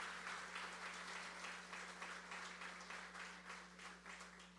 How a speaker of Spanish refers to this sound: Y por aquí también están funcionarios, algunos funcionarios, directores de dependencia y el cuerpo pastoral de Fajardo, que está por aquí también, para quienes piden un fuerte aplauso. Dense un fuerte aplauso ustedes mismos.